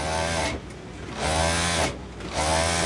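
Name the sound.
sewing machine running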